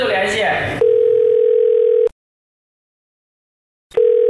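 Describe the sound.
A telephone dial tone as a staff member places a call to a factory manager: a steady electronic hum follows a brief burst of voices, cuts out for about two seconds, then starts again, loud.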